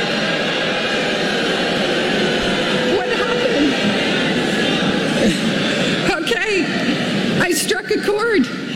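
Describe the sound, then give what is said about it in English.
A large graduation crowd boos a speaker loudly and steadily after she mentions artificial intelligence, a dense, sustained roar of low jeering voices that keeps going the whole time, with a few individual voices rising out of it near the end. “They start booing her.”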